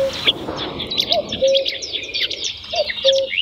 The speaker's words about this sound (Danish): Nej, jeg tror heller ikke, det er den. Nej, den lyder heller ikke bekendt. Det er også rigtigt. Det var, jeg tror, en kærsanger.